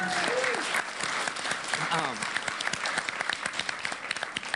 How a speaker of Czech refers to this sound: Slon je správná odpověď, tleskáme.